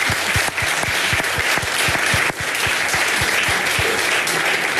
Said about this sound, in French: Et ça peut s'applaudir.